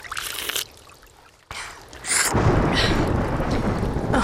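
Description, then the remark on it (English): Rain hisses steadily, then a deep roll of thunder swells in and rumbles loudly beneath the downpour, which grows heavier and keeps pouring. No one speaks. “Oh, it would rain.”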